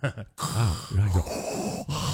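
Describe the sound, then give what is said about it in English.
A voice imitates a partner's raspy, mechanical-sounding snoring breath, with drawn-out, rumbling inhales and exhales like a respirator. It is fairly loud and alone, with no speech. “here's what people say their partners sound like when they snore. Number five, Darth Vader.”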